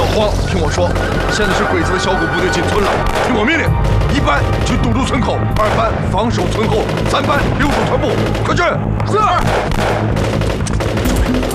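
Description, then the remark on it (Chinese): Loud, dense gunfire crackles nonstop as Japanese troops storm into a village, with sharp overlapping shots and bursts like a raging battle, and voices are faintly mixed into the din. “听枪声，鬼子已经冲进村子了。”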